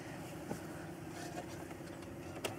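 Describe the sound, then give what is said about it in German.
A car engine turns over with a low, steady churning sound, broken by a few sharp clicks, and never catches, as someone tests whether the car will start. It stays fairly quiet throughout and no one speaks. “Ich teste erst, ob der anspringt.”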